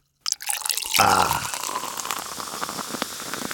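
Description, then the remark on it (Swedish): A fizzy drink is poured: a brief gurgling splash of liquid, then a steady crackling hiss of bubbles with tiny popping ticks that carries on to the end, with no voices. “Det behöver liksom inte vara jättehöga halter av koffein för att få till det där bruset och sålet.”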